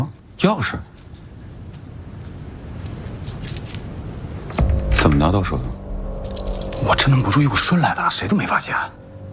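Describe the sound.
A bunch of keys jangles with bright metallic clinks in short, shaking bursts, while people talk over and between the rattling.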